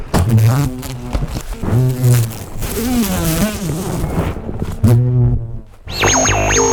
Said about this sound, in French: Mais c'est un mastodonte, il est énorme. Alors, monsieur l'abeille, qu'est-ce que t'as à dire ? Monsieur Bourdon, plutôt que l'abeille.